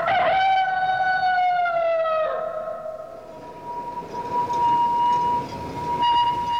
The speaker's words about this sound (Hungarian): Az első villamos.